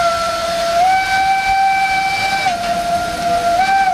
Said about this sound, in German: Es ist eine faszinierende Welt, wo man eintauchen kann. Eine Zugfahrt wie vor 100 Jahren mit einer Dampfbahn.